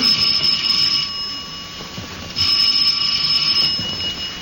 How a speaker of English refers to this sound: And the second time last week that romance entered the apartment of George and Sapphire was when Herbert Jackson, a magazine solicitor, rang the Stevens doorbell.